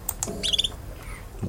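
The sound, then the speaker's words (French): A short, high-pitched simple trill of a female bird, a quick rapid warble lasting a fraction of a second, set among a few faint simple calls against a low background hum. No one speaks. “je vous montre d'abord juste théoriquement à quoi ça ressemble les petites trilles que les femelles peuvent faire justement lorsqu'elles entendent des postures.”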